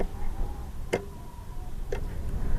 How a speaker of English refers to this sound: The clock ticks on the kitchen wall. It is black and white and marks each second with a small shudder.